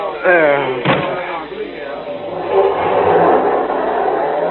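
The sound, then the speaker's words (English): A car door slams shut, then the engine of a stolen car revs up and the car pulls away with a rising, steady rumble. Muffled voices can be heard at the start. “Get in the car quickly.”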